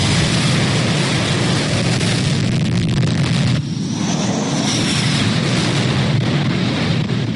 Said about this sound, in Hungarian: Vadász repülőgépek indultak repülőgéphordozókról, hogy iráni drón, valamint rakétaraktárakat, indítóállásokat, radarlétesítményeket és kommunikációs központokat vegyenek célba Irán partvidékén, főként a déli részén.